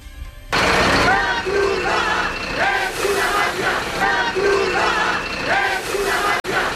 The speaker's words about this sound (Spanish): La Cruz Roja es una mafia, cantaban.